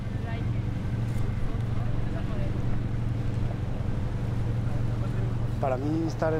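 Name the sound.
boat on the water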